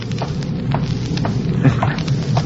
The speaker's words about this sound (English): Listen. What was that? The front door slammed. What? No, Captain Black. It was but the thunder.